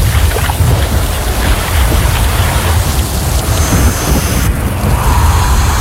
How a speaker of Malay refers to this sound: hujan lagi. Mana enggak bawa jas hujan.